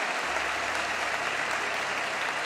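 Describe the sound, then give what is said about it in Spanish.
An audience breaks into steady applause for the Lord during a Spanish-language sermon, a dense, even wash of many hands clapping at once with no pauses, holding a constant loudness throughout. “Te damos aplausos, Señor, te damos aplausos, Padre.”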